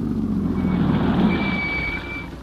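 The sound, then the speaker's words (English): A car's engine and road noise rumble, then ease off and grow quieter as the car slows to a stop at a billboard sign, with a faint high whine near the end. “Slow down, come to a stop at that billboard sign.”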